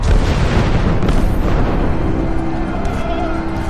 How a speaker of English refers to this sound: I suppose that it rarely happens that such a distinguished gathering should so meet under such stirring surroundings, with the guns thundering all around.